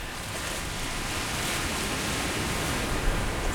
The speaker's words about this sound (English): I'm headed to the Pacific Ocean. Wow. Big whitecaps crashing in and sea stacks behind.